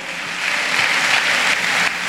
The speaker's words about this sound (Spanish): Dele fuerte ese aplauso al Señor, porque Él nos ha escogido.